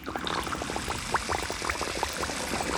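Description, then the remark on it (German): A medium-sized squeeze bottle gurgles steadily as it fills with water from a rain barrel, a continuous run of quick bubbling glugs with rising, hollow pops over a soft splashing wash. No voices. “Gluckernd füllt sich auch ihre Flasche.”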